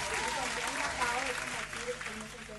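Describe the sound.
Steady, dense applause fills the whole moment, loud and close like a burst of clapping from an audience, with a voice talking faintly underneath.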